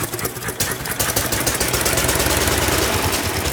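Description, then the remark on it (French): A small two-cylinder, water-cooled engine with magneto ignition, started with a crank, runs steadily at idle with a continuous rhythmic chugging and rattling throughout; no talking over it. “Le moteur tourne parfaitement.”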